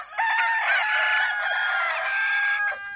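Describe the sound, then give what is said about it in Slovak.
A rooster crows loudly, one long sustained call lasting nearly three seconds with a bright, harmonic tone, heard alone without any talking. “Kto mal doma kohúty, popoháňal ich. Kikiríkajte, kikiríkajte čo najviac.”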